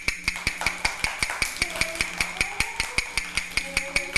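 A quick, steady run of sharp knocks, around five per second, each a bright percussive tap with a ringing high tone, continuing evenly with no voices.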